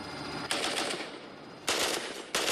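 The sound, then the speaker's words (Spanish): Three loud bursts of automatic gunfire, fired on command toward the 3 o'clock direction, crack out in quick succession, each a harsh, sustained rattle, against a steady background hiss with no voices. “De acuerdo, a las 3. Fuego.”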